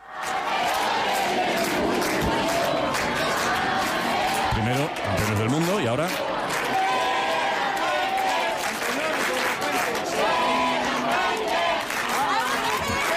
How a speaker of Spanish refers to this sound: Ya sé que hablamos en este tono informal, medio tal, pero no sé si esto ocurre en muchos otros lugares donde coreen el nombre del seleccionador.